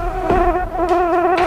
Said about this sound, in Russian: Да черт подери эту муху. Ну, смотрите, опять. Обратите внимание, приземлилась не на лезвие, где кровь, так, а на ручку ножа. Смотрите. Действительно. Смотрите, как она обрабатывает металл своим хоботком и передними лапками.